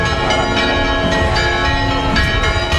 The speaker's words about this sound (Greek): οι καμπάνες χτυπούν χαρμόσυνα και χιλιάδες άνθρωποι περιμένουν να περάσουν κάτω από την θαυματουργή εικόνα